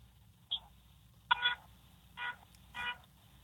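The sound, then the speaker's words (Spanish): A car horn honks in a series of short, beeping toots, one brief tap followed by three longer blasts, sounding thin with no one talking. “Toca el pito otra vez.”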